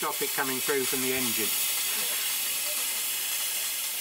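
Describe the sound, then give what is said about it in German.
A steady, loud hiss of steam escaping from a leaking pipe on a steam locomotive fills the whole stretch, continuous, with a brief voice sounding over it at the start; the leak cannot be shut off with the valve, only by breaking the connection to the locomotive. “Eigentlich ist es einfach undicht. Dampf entweicht aus der Leitung.”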